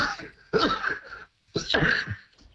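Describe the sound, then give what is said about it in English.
Two loud bursts, each about three-quarters of a second with a short pause between them, a person with a cold sneezing. No one speaks. “Bless you.”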